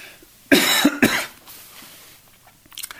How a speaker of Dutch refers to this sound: Ik moest eventjes hoesten, zusters en broeders. Dat hoort er ook soms bij.